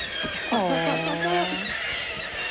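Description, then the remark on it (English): A kittiwake gives one loud, drawn-out nasal call lasting about a second while it is being caught, its pitch dropping and then holding steady, over a constant hiss of background noise. “Yeah, that bird is getting caught.”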